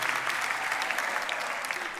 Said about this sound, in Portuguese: Disseram ó? Então é fácil, vocês batem palmas e eu volto. É a maior mentira dos espetáculos, é que está sempre previsto.